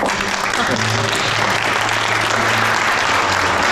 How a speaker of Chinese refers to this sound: 让我们以热烈的掌声欢迎